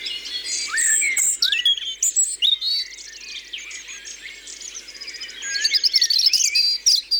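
A European robin sings a rapid, high, warbling song of tumbling trills and thin whistles, phrases coming in close succession with brief pauses, clear against a quiet background.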